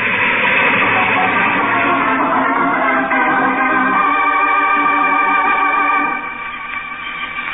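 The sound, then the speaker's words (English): A train with its headlight on approaches along rusted, loose tracks: a loud, steady rumbling roar, then a sustained high tonal whine or horn rising over it before the noise eases slightly near the end. “A train. There's a train coming. It's coming towards me.”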